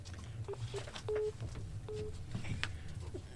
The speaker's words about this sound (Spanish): Ya, oiga, ¿la puedo interrumpir? Porque ya están llamando por teléfono.